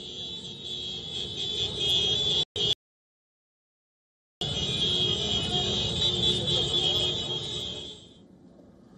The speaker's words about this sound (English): Now, Hezbollah supporters, in fact, took to the streets in Beirut to protest against the trilateral deal. Eyewitness videos showed hundreds of Hezbollah supporters on motorbikes chanting slogans and waving flags of Iran and Hezbollah.